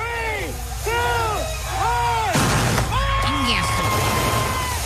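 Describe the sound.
Fireworks rockets burst with a loud, noisy crack partway through, amid rising and falling voices that continue around and after the blast.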